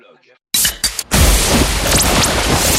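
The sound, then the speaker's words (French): A small soda can is cracked open: a sudden loud pop and a couple of quick bursts, then a steady, bright fizzing hiss that carries on to the end. Faint murmuring comes before it. “Une petite canette de décapsulé.”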